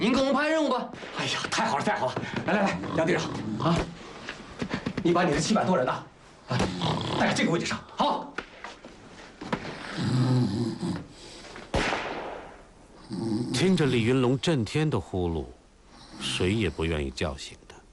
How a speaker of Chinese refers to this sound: 听着李云龙震天的呼噜，谁也不愿意叫醒他。